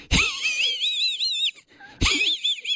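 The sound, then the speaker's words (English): A voice imitates the wheezy, snickering laugh of Muttley, the cartoon dog from Wacky Races: a raspy, high-pitched wheeze with wavering breathy pulses, then a brief pause and a second shorter burst, fairly loud. “You remember Muttley from Wacky Races, though, because Muttley was a dog. That's right. And used to go like this.”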